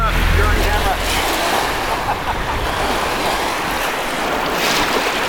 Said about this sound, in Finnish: Nyt ollaan Haaparannalla Kukkola Forssenissa. Koski kuohuu, Torniojoki pauhaa. On noin 200 metriä Suomeen.